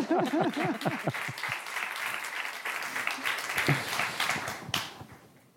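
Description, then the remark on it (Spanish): A crowd breaks into steady, dense applause for a performer's mother-in-law, lasting several seconds, with a few voices whooping or calling out at the start before the clapping tapers off at the end. “Un aplauso para la suegra.”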